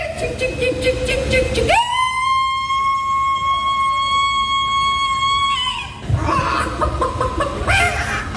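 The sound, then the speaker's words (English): The winner of a chicken-calling contest in America imitates a chicken: choppy clucking, then a long, loud, steady crowing note held for about four seconds with a strong harmonic tone, followed by more rapid clucks. “Well, there's one of those that they have in America for people who can do chicken noises as well.”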